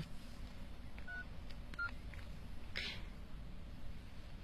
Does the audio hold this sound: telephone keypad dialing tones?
yes